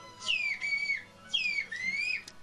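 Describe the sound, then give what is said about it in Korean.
Two loud whistled phrases in a whistle language, whistling people's names, each with sweeping rising and falling pitch glides that mimic the contours of speech, separated by a brief pause. No one talks. “휘파람 언어로 우리 이름을 다시 한번 부탁드렸습니다.”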